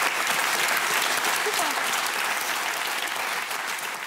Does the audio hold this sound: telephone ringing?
no